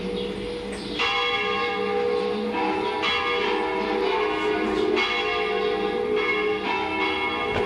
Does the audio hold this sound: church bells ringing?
yes